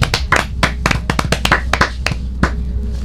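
A group of children clapping together for a boy who has just recited a poem, quick uneven claps overlapping for a few seconds, moderately loud, with a low hum underneath and no talking.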